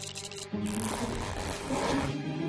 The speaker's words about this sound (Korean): 지퍼?